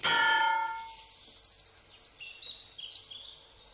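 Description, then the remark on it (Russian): A sharp metallic clang as a man backing away bumps into a crane hook rings out loud and fades over a second, followed by quick, high twittering chirps with no voices. “Озирается, пятится, натыкается на крюк крана.”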